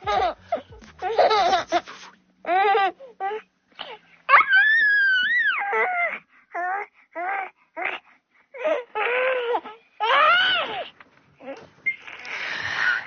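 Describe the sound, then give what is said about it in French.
A baby laughs in a string of high-pitched giggles and squeals, bursts separated by short pauses, with one long drawn-out squeal in the middle and no talking. “Le rire des bébés qui fait immanquablement rire les adultes, alors surtout quand on se regarde en même temps qu'on rigole.”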